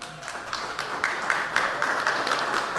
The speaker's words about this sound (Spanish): Invitamos a nuestros invitados de honor a agradecerles con un fuerte aplauso, por favor.